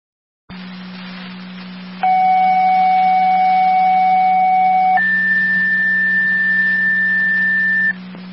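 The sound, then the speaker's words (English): Two-tone fire dispatch page for Tritown over a hissing, humming radio channel, calling a driver to the station for an EMS transport call to a motor vehicle accident with Middleport: a steady lower tone holds for about three seconds, then jumps to a higher steady tone for another three seconds before cutting off. “Can I have a set of tones for a driver, please?”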